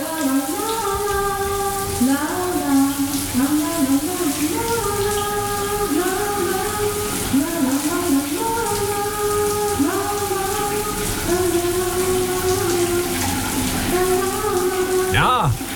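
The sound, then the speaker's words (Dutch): A shower tap runs with a steady hiss of water throughout, while a voice sings a wandering melody over the spray, ending in a brief splash. “Goed, douchegordijn zal open gaan en dan gaat de kraan vanzelf stromen.”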